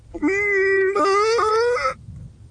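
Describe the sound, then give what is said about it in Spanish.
A voice imitates a rabbit dropping pellets: a loud, strained, sustained hum that steps slightly higher in pitch four times, each step like a small push, then stops abruptly. “Y el conejito, como hacía bolitas, nomás hacía.”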